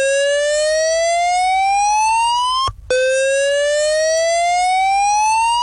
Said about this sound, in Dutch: Die hele keuken, maar vooral de woonkamer daarachter, die stond blauw. We kregen die rookmelder ook niet uit, want die zat op een plek... en dan moest je op een stoel gaan staan om vervolgens dat ding uit te drukken.